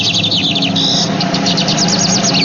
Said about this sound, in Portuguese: É o bigodinho, passarinho de hoje.